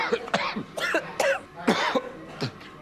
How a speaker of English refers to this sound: Okay, more chilies. What's wrong? More cough.